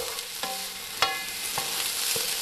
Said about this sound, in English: The sizzling of a democracy sausage, lining up at a primary school, maybe a trip to the cake stall.